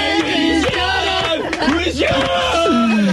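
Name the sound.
audience applauding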